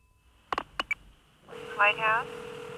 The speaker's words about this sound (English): Just going to make a phone call first.